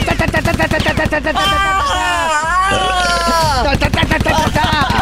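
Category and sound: sound effect, gunfire sound effect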